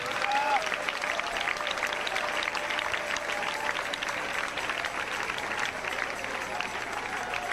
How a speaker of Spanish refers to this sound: Dele palmas al Rey, dele palmas al Rey.